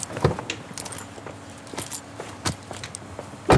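Bertil being loaded into the trunk of a car: scattered knocks, rustles and a metallic jingle over a few seconds, ending in a louder thump, with no one speaking.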